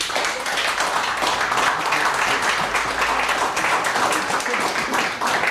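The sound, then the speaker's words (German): A crowd applauds steadily, dense overlapping claps at an even, sustained loudness for several seconds, with a faint murmur of voices underneath, welcoming Team Number 1, the 'Stadtmenschen', at an event in Vienna. “Applaus für Stadtmenschen.”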